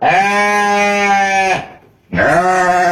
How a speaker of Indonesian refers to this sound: Aktif juga nih kambing nih.